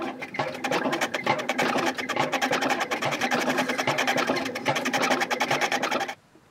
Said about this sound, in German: Die Maschinen, mit denen er drechselt, bohrt und schleift, hat er alle selbst gebaut. Und natürlich werden sie mit Fußkraft angetrieben.